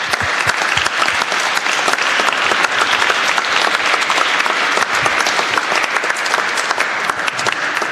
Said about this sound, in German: Dankeschön für euren Dienst. Ein Applaus.